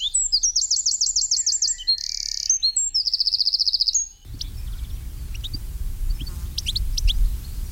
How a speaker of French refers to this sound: Le troglodyte mignon, c'est le numéro 15, alors un petit oiseau très commun, qu'on peut voir aussi bien dans les bois que dans les maisons, les jardins. Dès qu'il y a des buissons, bien le troglodyte est là.